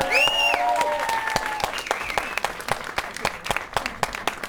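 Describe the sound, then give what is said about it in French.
An audience bursts into loud applause for performers from Canal 93 on stage, with a few cheers or whoops at the start, then the clapping thins into scattered, sharper individual claps as it tapers off. “On vient de Canal 93, donc un gros tonnerre d'applaudissements pour eux, s'il vous plaît.”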